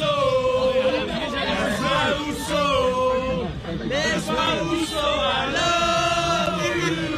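A huge crowd sings together in a loud, continuous roar of voices, the melody carried by thousands with a chant-like, stadium feel and no break in the sound.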